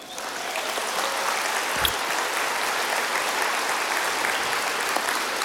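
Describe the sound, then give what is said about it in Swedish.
An audience breaks into steady applause for the speaker's wife, a dense wash of clapping that holds at an even, fairly loud level for several seconds with no voices over it. “En applåd för henne.”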